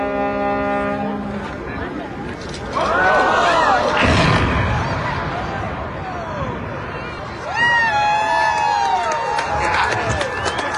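A horn blares briefly, then an outdoor crowd with lawn chairs erupts in cheers and whistles around a sudden deep boom as the 80-year-old Chester Bridge, built in 1942 between Perryville, Missouri and Chester, Illinois, is demolished, followed by another loud wave of cheering and chatter.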